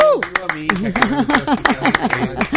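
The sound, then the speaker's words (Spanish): Scattered hand claps ring out over lively Spanish-speaking voices as a broadcast program signs off, with sharp, irregular smacks mixed into energetic chatter and exclamations throughout. “Aplausos.”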